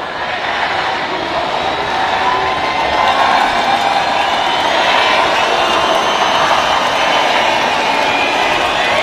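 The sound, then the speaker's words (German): A crowd of 15,000 ravers sings Happy Birthday together to a techno DJ, thousands of voices blurring into a loud, steady, roaring wash with no clear melody standing out, sustained evenly throughout. “Zu hören waren 15.000 Raver, die gleichzeitig der Techno-Queen … ein Geburtstagsständchen geträllert haben.”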